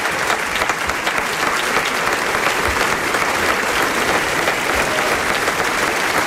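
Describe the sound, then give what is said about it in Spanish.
Sustained audience applause for the actors after a performance of La Taberna de las Dos Brujas, a dense steady wash of many hands clapping at even loudness throughout, full with no voices standing out. “Y el aplauso para nuestros actores.”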